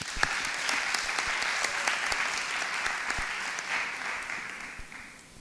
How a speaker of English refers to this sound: Let's give one more round of applause for their hard work as we get started.